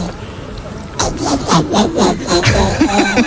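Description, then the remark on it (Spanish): A woman on Basque regional television, ETV, imitates a frog as one of several animal imitations, with a quick run of throaty, rasping croaks, about seven rhythmic pulses following a second of quiet, fairly loud and steady throughout. “Una rana.”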